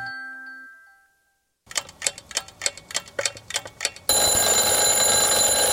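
A soft tonal chime fades out, then a mechanical alarm clock rings in rapid, regular rattling bursts before a loud, dense wash of sound takes over. No one speaks.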